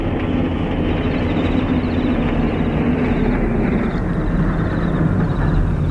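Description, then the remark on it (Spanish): A heavy-tonnage truck's engine rumbles deep and steady, a dense continuous roar that stays loud for the whole stretch, with no voices, as it approaches a railway wagon, jolting over potholes and bushes flanking the railway track. “El transporte de gran tonelaje se acerca al vagón, dando tumbos entre los hoyancos y arbustos que flanquean la vía del ferrocarril.”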